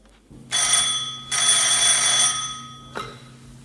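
An old-fashioned telephone bell rings loudly in two long, metallic bursts, then a brief clank as it stops, with a low hum underneath and no voices.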